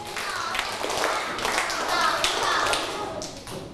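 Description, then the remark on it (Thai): A group of students clap together in a quick rhythmic step-clap pattern asked for by their teacher, the claps a bit uneven and not quite in unison. “นักเรียนปรบมือสเต็ปปรบมือทำยังไงคะ”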